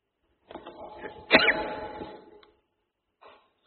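A single sharp sneeze bursts out after a brief nasal intake, tailing off over about a second, followed by quiet and a faint rustle.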